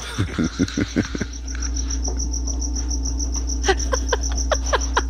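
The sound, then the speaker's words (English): A cricket chirps steadily inside a house, a thin high-pitched trill running throughout, broken by quick bursts of louder, sharper chirps near the start and again toward the end. No one speaks. “I got like a cricket in my house now.”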